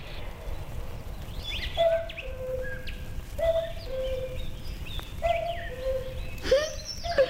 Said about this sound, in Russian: Кукушка! Кукушка! Сколько мне лет? Вот и не угадала.